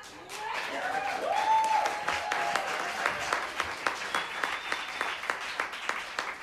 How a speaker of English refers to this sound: So today's lesson is every time you have a Frage, amigas, if you guys are gonna clap, you have to clap for real.